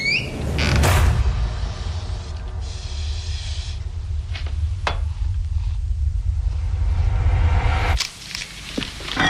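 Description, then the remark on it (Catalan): Household kitchen, doorbell and door sounds from the film Jeanne Dielman, 23 Quai du Commerce: a loud creak, a door being worked amid clatter and thumps, low rumbling throughout and a few sharp knocks, continuous, with no one talking. “Aquest soroll una mica de cuina, de timbre, de casa, de porta, perquè estem parlant de Jean Dillman, en 23 Quai du Commerce, si vols ho dir en francès, però t'ho diré malament.”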